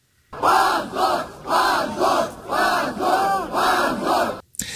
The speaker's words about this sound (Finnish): Oikeustalon ulkopuolelle kokoontui 100 nuorta Jablakan kannattajaa, jotka huusivat hävetkää huutoja oikeuden päätöksen antamisen jälkeen.